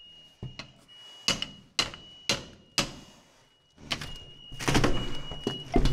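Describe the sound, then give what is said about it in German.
Firefighters strike a door with heavy hammer blows to force entry after seeing smoke: four loud, evenly spaced impacts followed by a rapid flurry of banging and clattering, with a faint steady high-pitched tone running underneath. “Hau mal drauf.”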